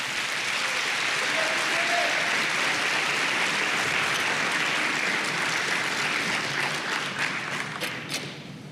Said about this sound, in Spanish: Dele palmas al Señor.